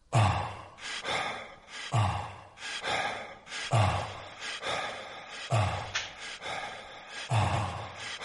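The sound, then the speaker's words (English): A steady electronic beat with deep low thumps, overlaid by rhythmic, breathy in-and-out whooshes repeating about every second, moderately loud with no voices. “Do you recognise this? It's not breathing. It sounds like …. It is ….”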